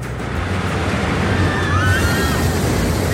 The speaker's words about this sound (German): So, das ist nämlich der neue Donnerwind, die Achterbahn. Und die geht durchs Wasser, platschibum.